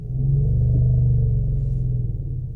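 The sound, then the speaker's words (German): An elephant's deep, low infrasound rumble, used in elephant communication and barely audible to humans, drones steadily for a couple of seconds, a throbbing hum with layered harmonics and a slight wavering in pitch, heard alone without any voices. “Es geht um dieses zugegeben gerade sehr schwer hörbare Grummeln.”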